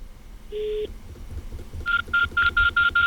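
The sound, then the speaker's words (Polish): A telephone keypad gives one longer tone, then after a pause six quick, evenly spaced dialing beeps in a steady rhythm, clear over a low background rumble. “Ktoś pewnie za chwilę się do mnie odezwie, że tutaj jakieś telefony wykonuje.”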